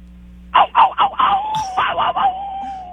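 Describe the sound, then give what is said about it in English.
A person imitates a small dog with a string of short, high yappy barks, then trails into a sustained whiny howl-like tone. The voice is fairly loud. “That is definitely a little dog bark.”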